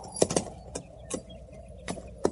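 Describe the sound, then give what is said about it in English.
A horse shifts in place, its hooves giving a handful of irregular clip-clops, sharp, with quiet pauses between the steps and no voices. “Hold still, horse.”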